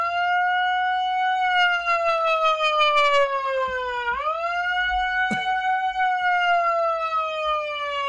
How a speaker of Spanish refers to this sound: Atento, sirena, chicos, vamos.